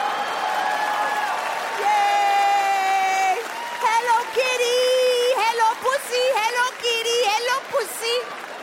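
An audience at a show applauds and cheers, with loud sustained whoops and high shouted calls rising over a steady wash of clapping for several seconds.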